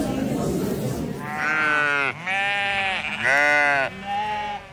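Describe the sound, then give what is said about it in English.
Several sheep in show pens bleat loudly, one wavering call after another with barely a pause between them, following a brief stretch of murmuring background noise. “Over to the Sheep Blinds now”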